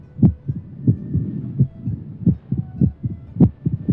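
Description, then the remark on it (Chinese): Dull heartbeat thumps of an irregular heart, in an uneven rhythm with some beats bunched together and others spaced apart, over a soft low hiss with no voices. “这种变了调没有规律的跳动又会对我们有什么影响呢？”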